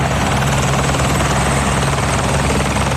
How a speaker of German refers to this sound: Helikopter, die starten, Helikopter, die landen, das ist man sich im Berner Oberland gewöhnt. Sie gehören dort einfach zum Alltag dazu.